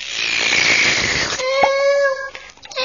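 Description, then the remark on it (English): A fizzy pop bottle is opened with a loud, sustained gassy hiss lasting over a second, followed by a bright, wavering whistle-like tone that fades out. No one speaks. “Would you hate a bottle of poppy fizz now”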